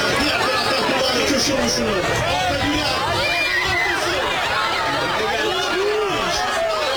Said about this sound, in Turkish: Yine görüntüyle birlikte tezahürat sesleri de ekranlarımıza geliyor.